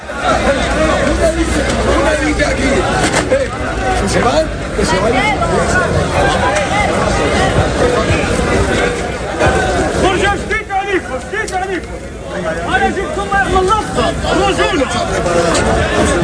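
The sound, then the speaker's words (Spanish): A dense crowd tumult during an afternoon demonstration with riot police, filling the whole stretch, with overlapping shouts and raised voices surging over a constant loud roar of many people, the clamor dipping briefly before swelling again. “durante la tarde ha habido en algún momento tumulto, es decir, gritos, intentos de empujar para”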